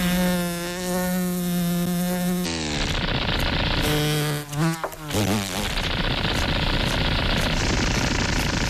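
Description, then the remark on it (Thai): A fly buzzes loudly in flight, a steady droning hum that swoops up and down in pitch as it darts around, then turns rougher and busier toward the end. “แมลงที่เป็นสุดยอดนักบินผาดโผนนั้นตัวเล็กและมีเสน่ห์น้อยกว่ามากแมลงวันรู้กันดีว่ายากขนาดไหนที่จะตีมันได้”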